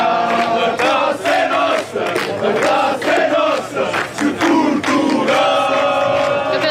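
A euphoric crowd of Portuguese fans cheers and chants loudly and continuously as the team bus parks and they wait to see the players, many voices rising together in a dense, excited roar with no pauses throughout.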